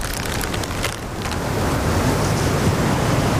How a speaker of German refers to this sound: Duert nicht mehr lang. Das Unwetter, mein ich.